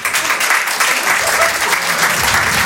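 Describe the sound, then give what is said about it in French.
A crowd of thirty-somethings in an audience hall applauds steadily, dense overlapping claps forming a loud, even wash of noise that holds without a break for the whole stretch. “Il y a des trentenaires par applaudissement dans la salle.”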